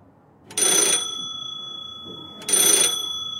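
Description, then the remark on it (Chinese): A desk telephone in Inspector Crome's office at Scotland Yard buzzes in two short, bright bursts about two seconds apart, fairly loud, with quiet background between rings and no one speaking. “办公桌上的电话嗡嗡响了几声，他拿起话筒。”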